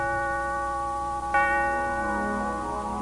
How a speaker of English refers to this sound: A heavy snow is falling, blanketing a sleeping London. There's a steeple bell. It is still early Christmas morning.